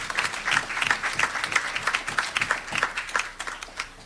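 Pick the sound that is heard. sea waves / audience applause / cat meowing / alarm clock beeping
audience applause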